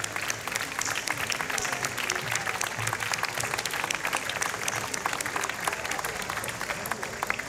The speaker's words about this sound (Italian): Sì, sì, ecco, facciamo un applauso alle voci bianche del coro.